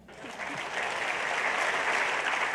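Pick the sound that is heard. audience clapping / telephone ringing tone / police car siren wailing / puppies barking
audience clapping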